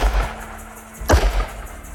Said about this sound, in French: Quelques instants plus tard, le silence de la plaine est transpercé par le fracas de deux coups de feu.